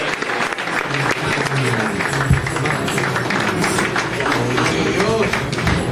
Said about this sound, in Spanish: Fuerte el aplauso para Cristo Jesús.